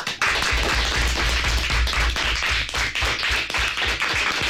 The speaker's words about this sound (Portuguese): que se hagan notar también los aplausos en el estudio José Hermida de Radio Pontevedra de los alumnos de quinto y sexto del CEIP Nosa Señora das Dores de Forcarei, que vinieron a conocer a Radio por dentro. Así que rapaces, que se vos faga notar.